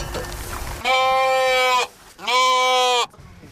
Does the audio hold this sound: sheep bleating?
yes